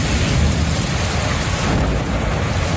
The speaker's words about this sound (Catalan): un dels llocs on més violència ha plogut ha sigut el Camp de Tarragona.